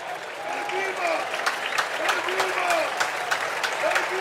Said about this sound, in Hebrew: עכשיו עבדולאי סק ממשיך לקבל את הכבוד, את מחיאות הכפיים. אנחנו בדקה 87, 4-1 למכבי חיפה.